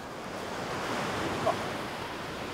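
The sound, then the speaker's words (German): Steady surf washes continuously against the shore in a broad, hissing roar, with a slight swell near the middle and no voices. “Sogar bei den Wellen.”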